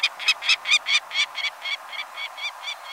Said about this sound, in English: The mid-sized peregrine falcon nests in some locales across the country, but its numbers are greatest in winter, especially near the coasts.